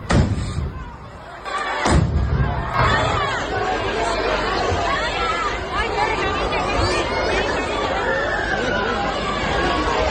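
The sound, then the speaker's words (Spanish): A sharp, loud bang of a detonation in the middle of the plaza at the chupinazo in Noain bursts out early on, followed by a dense festival crowd shouting and chattering nonstop, a roar of overlapping voices that stays loud to the end. “Bueno, pues como escuchamos, esas detonaciones en mitad de la plaza, esos gritos y esas preocupaciones que escuchábamos por esas personas que se encontraban ahora mismo en ese momento en Noain.”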